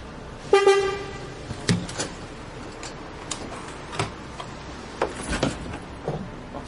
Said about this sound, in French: Le bus est là. Tiens, on charge le vélo.